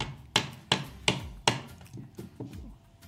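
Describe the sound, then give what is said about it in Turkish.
A hot clay testi kebab pot is struck repeatedly to crack it open: four loud, sharp knocks at a steady pace, followed by three softer, duller taps, with no voices. “Testi kebabımıza kırılıyor, kırılıyor.”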